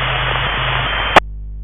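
Steady, loud radio static hisses for about a second, then cuts off abruptly with a sharp click, leaving only a faint low hum behind. No one speaks.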